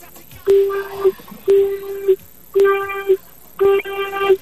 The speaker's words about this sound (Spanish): Perfecto, hermano, si estás, por favor, regálame cuatro bocinazos medianitos. Cuatro. Ahora.